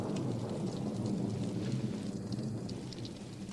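Steady rain pours down while a deep thunder rumble rolls continuously underneath, a full thunderstorm with lightning and no voices present.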